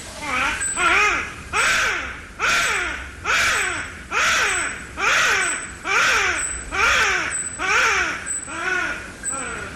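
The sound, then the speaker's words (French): A bush baby gives a steady series of about nine loud, wailing cries, roughly one per second, each a harsh rising-and-falling squall much like a crying human infant. “Alors c'est littéralement les bébés de la forêt, en français, car ils émettent des cris, des vocalises qui sont très semblables à ceux d'un bébé qui pleure.”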